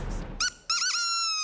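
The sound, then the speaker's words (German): A seagull-call toy horn (Möwentröte) honks twice on a TV show: a short squawk, a brief gap, then a longer wavering blast that holds steady and loud, with no talking. “Und manchmal geht es ganz schnell, nach dem Ertönen der Möwentröte.”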